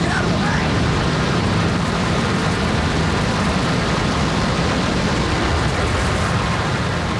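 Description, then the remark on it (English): A World Trade Center tower collapses near its base, where firefighters, police officers and FBI agents are assembled: a massive roar with unbroken force, a dense rumbling wall of noise and hissing debris raining down on the onlookers, loud for the whole stretch. “A huge explosion now, raining debris on all of us.”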